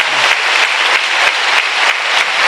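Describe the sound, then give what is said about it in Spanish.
Loud, steady applause from an audience during a Spanish-language sermon, a dense wash of many hands clapping continuously with no one speaking over it. “Aplauda fuerte.”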